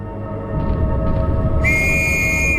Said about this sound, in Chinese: 听我的哨声！